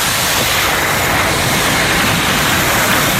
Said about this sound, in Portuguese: O mar, na praia de Normandía, na praia de Omaha.